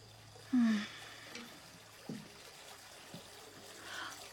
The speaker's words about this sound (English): Oh my God! The water! Oh, goodness! I was running a bath before you walked in.